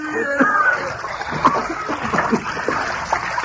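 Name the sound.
splashing water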